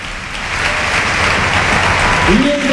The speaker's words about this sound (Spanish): Se marcha ya muy cansado el autor del gol, Gerard Moreno. Mira la ovación para el capitán.